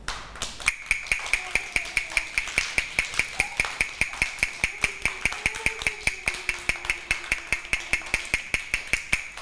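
A teacher taps a fast rhythm for children in a rhythm lesson: rapid, even tapping runs throughout, dozens of sharp knocks in a steady quick rhythm, with a sustained high ringing tone underneath and faint voices murmuring in the background.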